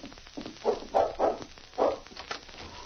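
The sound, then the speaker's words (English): A dog, King, barks at the kitchen door of the tavern at Halfway, about five times in quick, uneven succession, moderately loud, with no voices over it. “Then the dog barked.”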